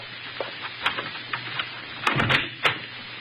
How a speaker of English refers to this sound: gnaws nervously on her lip as she hears someone approach the door.